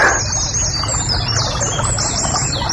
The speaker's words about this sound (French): Ah, la rivière sous le pont, ça, ça peut le faire ça. Ah, ça se bête pas, ça peut être joli comme bruitage. La rivière sous le pont.